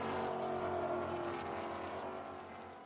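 A race car driven by Cole Lofsgaard roars past during a race, its loud, buzzing engine tone dropping slightly in pitch as the sound steadily fades over about three seconds. No voices are heard.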